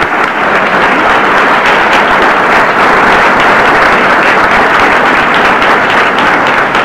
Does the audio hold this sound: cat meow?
no